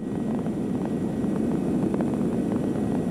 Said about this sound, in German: Jetzt sind wir wieder an Bord vom Hubschrauber.